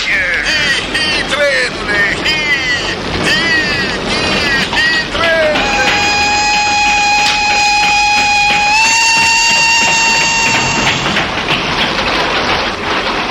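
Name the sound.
train passing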